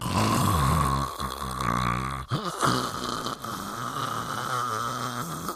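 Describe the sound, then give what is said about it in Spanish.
A person imitates their dog's snoring, likened to an airplane engine, with a continuous, rumbling, engine-like drone, steady for several seconds with slight wavering pulses. “Claro, ronca como un animalillo. Es un motor de un avión.”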